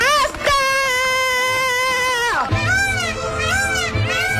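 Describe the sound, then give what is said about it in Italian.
A peacock screams loudly: one long, sustained, nasal wail, then a run of shorter warbling, rising-and-falling cries that sound almost like a distressed child. “Siamo proprio in scacco dei pavoni, sì.”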